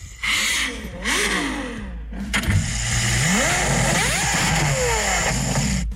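A Ferrari sports car engine revs hard and loud, its roaring pitch climbing in several rising sweeps with brief drops between, a harsh mechanical whine over a deep rumble, no voices.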